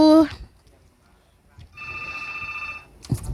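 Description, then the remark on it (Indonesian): A telephone rings once on the Pro 1 call-in line of RRI radio in Kupang as a caller joins, a steady electronic trill lasting about a second, preceded by a brief tonal blip and followed by a soft click, heard fairly clearly. “Oh, sepertinya sudah ada yang bergabung di line teleponnya Pro 1.”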